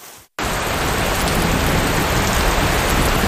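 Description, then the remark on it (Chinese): Heavy rain in the rainy season, falling in the evening after five o'clock following strong wind, pours down in a dense, steady hiss that cuts in abruptly after a brief moment of silence and stays loud and unbroken to the end, with no voices. “结果真的到了傍晚，刚才五点多的时候真的起大风，然后就下起大雨了。”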